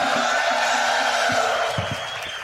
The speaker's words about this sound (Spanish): Un grito fuerte para el Señor.